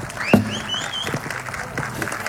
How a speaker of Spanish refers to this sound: Fuerte renovamos el aplauso